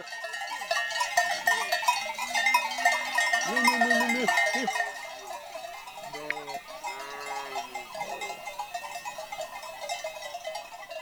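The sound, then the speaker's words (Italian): A flock of sheep crossing a difficult scree slope on a mountain ascent, bleating repeatedly with several overlapping calls, over a constant jangling of many small bells and a busy clattering background. “Le pecore devono prima oltrepassare un difficoltoso ghiaione.”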